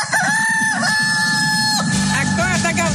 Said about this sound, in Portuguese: Porque o galo já tá cantando e o Rio Grande não para de acelerar com o Gabriel.